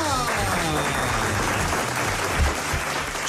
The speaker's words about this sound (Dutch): Niet zo hard klappen, mensen. Dan horen we ze niet zeggen.